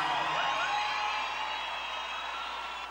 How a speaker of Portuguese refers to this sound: Uma salva de palmas do Guenrico, por gentileza.